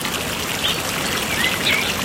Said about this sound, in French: Elle reste sur son banc, au pied de l'olivier, et puis elle écoute les oiseaux chanter. Elle aime beaucoup, beaucoup les oiseaux. Elle écoute la petite rivière qui coule.